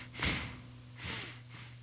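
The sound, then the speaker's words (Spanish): A voice imitates the heavy breathing of a person hiding under a bed: three rough, snorting breaths, the first loudest, then two softer ones, over a faint steady electrical hum. “Y es ahí donde se escuchaba la respiración.”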